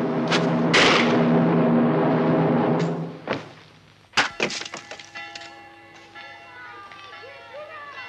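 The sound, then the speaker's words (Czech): A few hollow wooden knocks as coopers knock out the lid of a boarded-up container, then one loud splintering crack as the wooden lid is forced out, followed by a scatter of lighter clattering bits settling, with a sustained murmur underneath early on. “Vyražte víko!”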